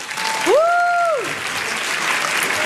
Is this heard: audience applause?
yes